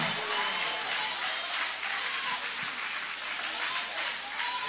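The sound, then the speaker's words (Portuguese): A church audience applauds in worship after a Bible reading, a dense wash of many hands clapping at an even loudness throughout, with no clear voices standing out. “Pode tomar o vosso assento, guarda a sua Bíblia com carinho, e podem aplaudir, pode adorar, pode exaltar.”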